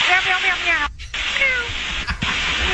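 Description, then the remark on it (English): Pilots imitate cat meows over a crackly, band-limited radio channel to air traffic control: a string of drawn-out, wavering meows with two brief breaks, loud in the transmission. “Okay, so they're meowing, they're barking, air traffic control having to remind them to be professional.”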